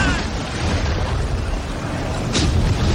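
A loud, constant roar of storm wind and rain, heavy with low rumble, recorded up a tower during the height of the storm, with a sudden sharp crack of thunder bursting through near the end.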